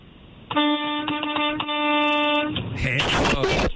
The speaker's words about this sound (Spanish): Yo soy chofer de la 18 Morena, y pues aquí ando por todos lados. A ver, que suene el claxon, a ver.